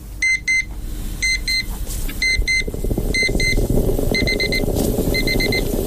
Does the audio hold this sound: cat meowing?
no